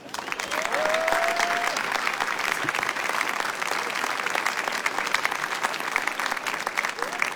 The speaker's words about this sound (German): Ein nachträglicher Applaus.